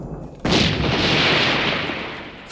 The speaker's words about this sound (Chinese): 团长，敌人的炮火太猛了，这弟兄们伤亡惨重啊！